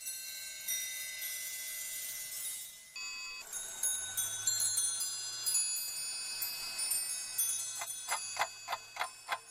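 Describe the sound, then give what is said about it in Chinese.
An antique mechanical clock of the Qianlong period, combining timekeeping, striking and music, plays a tinkling, bell-like chime melody over a low mechanical whir, then a steady run of sharp ticks emerges near the end. No voices. “乾隆时期，钟表的观赏性能被大为强化，钟表开始集走时、报时、音乐、活动景观等多功能于一体”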